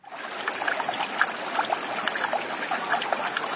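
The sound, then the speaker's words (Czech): Steady babbling of a shallow creek at a bend where sand has been deposited, water rippling and gurgling continuously with a bright, splashy texture and no voices. “Tady na kraji potoka, kde teče do zatáčky, je nanesený písek.”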